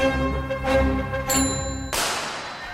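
A bicycle bell gives a bright, metallic ring midway through, heard over a sustained tonal musical backdrop, followed by a sudden harsh whooshing burst that fades out.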